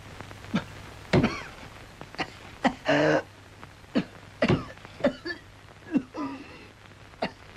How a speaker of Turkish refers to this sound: Ah canım, nasıl da hönk hönk öksürüğü.